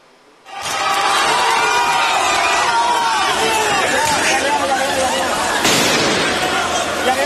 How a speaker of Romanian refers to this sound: Sunt proteste violente la Bruxelles. Astăzi, angajații din transportul public au ieșit în stradă. Unii manifestanți au aruncat cu obiecte și artificii în forțele de ordine, iar lucrurile au escaladat.